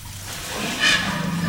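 A steady splashing stream of an elephant urinating, only a small amount, runs continuously at moderate loudness, with a brief brighter surge near the middle and low rumbling outdoor background.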